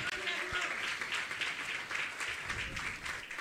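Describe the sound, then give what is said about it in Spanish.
A church audience applauds in praise to God, a dense, steady wash of many hands clapping at once, with murmured voices blended underneath throughout. “Le damos palmas de alabanza a nuestro Dios, por favor, hermanos.”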